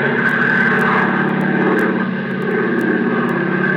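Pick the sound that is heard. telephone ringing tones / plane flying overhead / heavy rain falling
plane flying overhead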